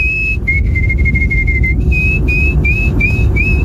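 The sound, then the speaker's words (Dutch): A person whistles an imitation of a canary, sent in through the Q-app: a rapid, steady run of high warbling notes, then a string of short rising chirps, loud and clear over a low background rumble. “Dat was een goede imitatie van de Canarie, hè?”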